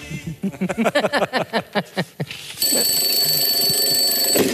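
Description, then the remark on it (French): A brief run of rhythmic melodic notes gives way to an alarm clock ringing loudly and continuously at 4 o'clock, a steady, shrill electronic tone that holds without pause until the end. “J'ai oublié de couper le réveil”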